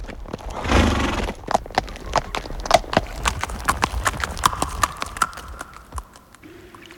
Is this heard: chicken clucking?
no